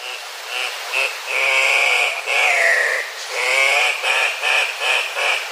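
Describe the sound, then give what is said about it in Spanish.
Andean cock-of-the-rock calling: a loud series of harsh, nasal squawks, some short and clipped, others drawn out with a wavering pitch, repeating steadily with no voices over them. “El gallito de roca que estamos escuchando tiene un trino poco melodioso, pero es una de las aves más vistosas que se puede observar en la zona andina de Sudamérica, lo cual lo convirtió, paradójicamente, en una especie amenazada.”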